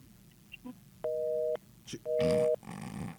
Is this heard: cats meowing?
no